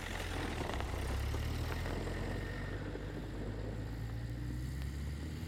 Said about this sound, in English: I waited for the sound of her car to fade into the distance. Then I waited some more.